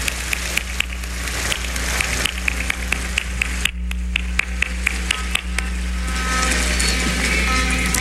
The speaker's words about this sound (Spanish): Un aplauso a todos ellos que están en el DIF estatal.